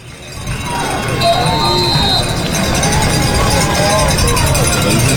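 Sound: football stadium crowd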